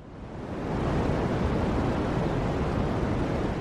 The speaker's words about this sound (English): In other words, when they stripped out the other known sources of radiation, there was always a bit left over, a kind of microwave background noise, which simply could not be explained. And it sounded a bit like this.